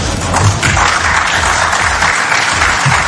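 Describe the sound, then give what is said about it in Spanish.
Journalists at a press conference applaud steadily as Scaloni leaves, dense overlapping claps forming a continuous loud wash of noise for the whole stretch, with no voices standing out. “Y es así como se fue Scaloni, entre aplausos de la prensa que estaba en la conferencia.”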